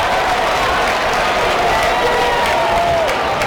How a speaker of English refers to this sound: The fake applause.